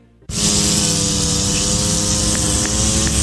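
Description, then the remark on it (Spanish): A lawn mower engine kicks on abruptly and keeps running at a loud, steady drone as a woman mows the grass, with a constant low buzz and a rough, hissing roar on top. “Mientras poda la grama, ella está solicitando revisión de un boleto de tránsito.”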